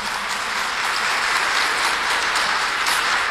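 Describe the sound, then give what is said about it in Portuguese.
A crowd applauds steadily, a dense, even patter of many hands clapping at constant loudness from start to finish, with no voices over it, as people welcome one another at a consecration to Our Lady in the Capela São José of the Santuário Nacional. “Vamos nos acolher todos com uma salva de palmas.”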